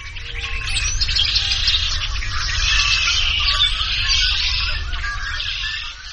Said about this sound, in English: It's been raining for 5 days. Outside Junction City, Kansas, at a deserted fishing lake, the blackbirds hang onto the reeds and whistle a wild chorus.